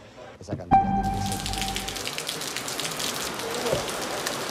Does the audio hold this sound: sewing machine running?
no